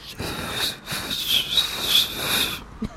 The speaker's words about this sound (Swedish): Kan vi inte få höra dig vissla en gång